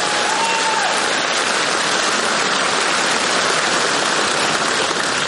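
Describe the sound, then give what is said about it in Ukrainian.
Sustained applause from a large crowd for Ukrainian composer Yevhen Stankovych fills the whole stretch, a dense, steady wash of clapping at even loudness with no pauses and no voices. “Ваші оплески. Браво!”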